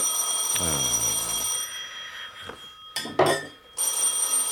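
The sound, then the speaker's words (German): A telephone bell rings loudly and continuously, a shrill metallic jangle that breaks off briefly, then resumes. There is no talking. “Verdammtes Telefon.”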